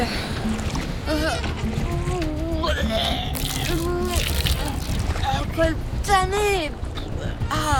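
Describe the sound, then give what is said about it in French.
Rough, churning sea water sloshes loudly and continuously around Agrippa's rowed liburnian warships, which pitch and roll during the naval Battle of Actium, with agitated voices calling out over the steady wash of the waves. “Les flots sont agités et ça tangue à bord des liburnes.”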